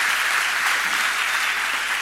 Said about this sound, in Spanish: Demos un fuerte aplauso al Señor.